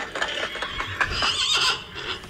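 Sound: horse neighing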